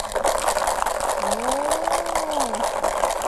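Beads rattle inside a homemade bottle shaker decorated with torn paper and velvet pipe-cleaner wire, shaken in class to let classmates hear it, steadily for about three seconds in a dense, hissy, continuous patter, with a faint low tone rising and falling midway.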